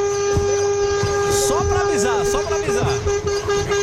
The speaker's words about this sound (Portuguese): Aí, eu vou buzinar então pra ele, pra avisar o pé de pano que ele tá chegando na casa dele.